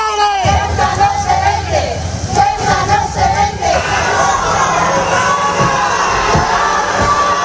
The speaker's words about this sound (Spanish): Sí, ayer regresó Marlaska a Ceuta, efectivamente, y así fue como le recibieron, con gritos y abucheos.